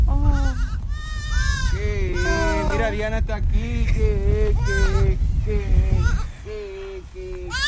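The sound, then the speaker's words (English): A newborn auburn goat kid bleats again and again as a man lifts it from the ground and holds it to his chest, wavering, high-pitched cries over a steady low rumble of background noise and movement, with a brief lull near the end. “He gets himself acquainted with a little auburn kid and is able to lift the trembling animal from the ground to hold it to his chest.”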